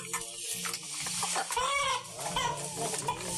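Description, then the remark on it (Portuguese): Several chickens cluck and squawk in a busy, overlapping chorus while they are being fed, with short rising calls standing out above a steady background of farmyard noise. No one speaks. “Nesse exato momento, estou tratando das galinhas.”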